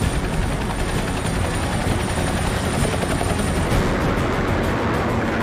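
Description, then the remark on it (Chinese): A steady, loud roar of several military helicopters flying in an air echelon over a military parade, their rotor blades beating in a dense, continuous thump over a broad engine rumble, with no voices present. “新一代预警机、轰炸机、歼击机、舰载机、直升机等多型飞机均为列装后首次参阅。”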